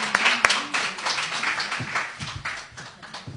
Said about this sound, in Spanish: y os damos un aplauso a todos los amigos de Mucientes, que sois, como habéis dicho al principio y lo habéis demostrado, maravillosos.